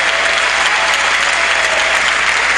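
An audience applauds God loudly and steadily, many hands clapping together in a dense, continuous wash of sound without letting up.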